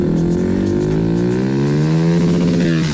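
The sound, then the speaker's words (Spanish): A Suzuki Bistrom 160 motorcycle engine revs steadily and loudly, its pitch climbing gradually over a few seconds with a rough, buzzing harmonic drone and no voices. “Recuerden que después de las 10 vamos a sacar otro finalista del ramillete de 10 finalistas motorizados para ganarse la moto Suzuki Bistrom 160, que está espectacular.”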